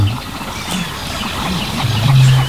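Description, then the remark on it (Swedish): Harsh, barking calls of a great crested grebe ring out amid a busy chorus of other birds chirping and twittering, with a low, steady drone growing louder toward the end. “Men vi hör en ny art faktiskt, skäggdopping. Ja, just det. Det är lite strävan. Precis, skällandet.”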